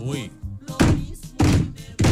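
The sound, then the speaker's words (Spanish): A brief voice, then three heavy knocks on the large gate-like door of a house, evenly spaced about half a second apart, each a loud, booming thud. “Compadre, llegué hasta la puerta de su casa y le toqué tres veces como todo un varón.”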